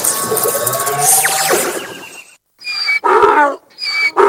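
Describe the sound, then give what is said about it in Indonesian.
A donkey brays loudly, a series of harsh, honking heave-and-wheeze cries that rise and fall, ending in several short separate bursts with brief pauses between them. “Ya, hewan ini adalah keledai.”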